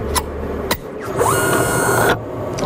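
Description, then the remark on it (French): The small door of a projectile comparison analysis machine closes with a couple of sharp mechanical clacks after a projectile is loaded. A rising whir follows as the analysis begins, then a steady, high motorized hum for about a second before it cuts off. “Le projectile est entré dans la machine et la petite porte s'est refermée derrière.”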